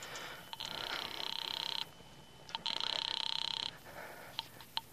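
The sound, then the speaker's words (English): A telephone call placed from a phone booth rings on the line twice, each buzzy ring lasting about a second with a short pause between, followed by a few faint clicks. No one speaks. “Instead, I went to the phone booth and called my sister”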